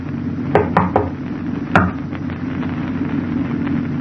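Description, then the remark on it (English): A quick run of three sharp knocks on a locked door, then a single louder knock after a short pause, over a steady low hum with no voices. “Now the door's locked. Open up, Doc, it's us.”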